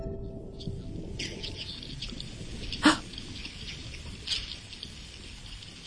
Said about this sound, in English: Beneath him, in the shadow of the boat, he could see thousands of herring just swimming around down there. I put the hydrophone in the water.